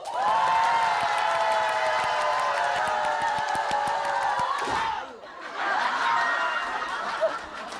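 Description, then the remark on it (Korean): An audience claps fast and hard in strong, quick 'health clapping' during a sing-along, a dense, steady roar mixed with cheering voices, breaks off briefly for a moment, then the clapping and crowd noise swell back up. “박수는 건강 박수를 쳐야 되는데 세고 빠르고.”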